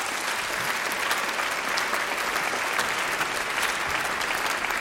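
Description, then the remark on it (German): An audience in a large broadcast hall claps steadily throughout, welcoming a third-grade school class, class 3a of the Lindengrundschule in Staaken, and their teacher onto the stage, a dense, even wash of applause with many hands at once and no voices standing out, holding at a constant loud level. “Applaus”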